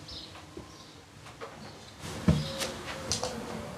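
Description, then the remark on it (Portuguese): The first drawer of a cabinet holding cassette tapes is pulled open, with a short wooden scrape and a dull knock, followed by faint rattling and small clicks as it settles. “É na primeira gaveta deste armário que ele guarda todas as cassetes, a maioria das quais eu nunca vi.”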